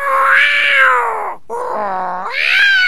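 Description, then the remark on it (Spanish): A cat meows loudly, two long drawn-out wailing meows separated by a brief pause, the second rising in pitch at the end, with no one talking. “Venga, mijo, venga, salude de aquí a la gente, salude, diga buenas tardes, ¿cómo están?”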